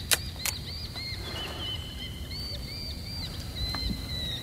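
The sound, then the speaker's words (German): Hawks, probably goshawks, call in thin, high whistling cries, some rising and falling, others held, over a steady low rumble, with a few sharp flapping bursts near the start and end. “Diese verdammten Vögel. Als würden sie uns belauern. Das sind vermutlich Habichte.”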